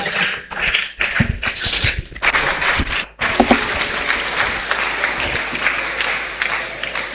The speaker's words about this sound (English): Can we continue to clap for Jesus as he's coming?